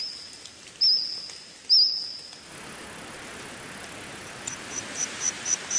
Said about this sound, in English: Insects chirping, trilling and squawking there, making up the soundtrack of a new Steven Spielberg series called The Dinosaurs.